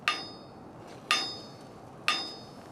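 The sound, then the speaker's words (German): Three evenly spaced metallic strikes of a long-handled sounding hammer on a steel railcar wheel, checking that the brake is applied, each a sharp clang with a bright ringing tone that decays over about a second. No talking. “Das ist ein sogenannter Klanghammer. Mit dem können wir hier unten gegen dieses Rad schlagen.”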